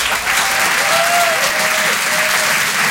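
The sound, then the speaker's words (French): A crowd at the Grand Point Virgule comedy club applauds loudly and steadily for comedian Christine Bérou, dense clapping with a few faint whoops and cheers rising above it, with no speech. “Faites du bruit pour Christine Bérou.”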